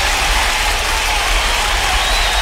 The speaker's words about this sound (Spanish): Nosotros vamos a entregarle el día de hoy y le vamos a dar, por supuesto, este fuerte aplauso.